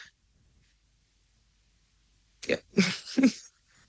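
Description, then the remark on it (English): After a stretch of near silence, someone sneezes into the microphone in a quick cluster of three sharp, breathy bursts lasting about a second, with no talking around them. “Bless you, sis, and have been a big fan of the work that you're doing”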